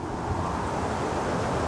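Wind whistles steadily through plane trees, a continuous breathy roar with a low rumble beneath it, unbroken for the whole moment and with no voices present.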